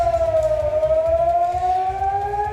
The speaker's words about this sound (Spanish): La sirena sonando en Israel, donde la Guardia Revolucionaria iraní ha lanzado misiles esta pasada madrugada, y ahora mismo tenemos noticia de que se podían estar produciendo nuevos ataques.